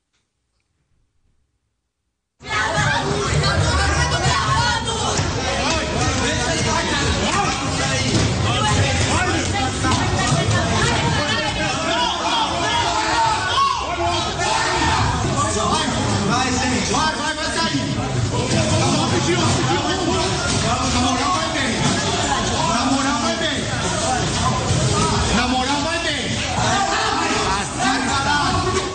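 A large crowd of students erupts into loud, continuous commotion, many voices shouting and clamoring at once amid scuffling and running, as police strike them with batons while they leave the USP rectory building, sustained without pause after a brief quiet start.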